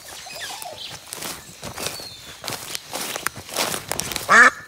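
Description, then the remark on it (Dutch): A short, loud duck quack bursts out near the end, following a stretch of rustling and crunching footsteps through a quiet forest; the duck sits on a trumpet sticking out of the ground. “Dus die eend zat op een trompet in het bos, die daar uit de grond stak.”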